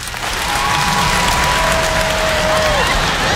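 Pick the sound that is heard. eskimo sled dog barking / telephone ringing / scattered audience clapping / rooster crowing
scattered audience clapping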